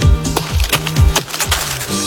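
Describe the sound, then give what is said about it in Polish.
Chestnuts without their spiky husks falling and striking the ground in a steady series of hard knocks, roughly every half second, each with a deep thud that drops in pitch, plus sharper ticks in between. No voices. “Mnie się wydaje, że te golasy to są kasztany.”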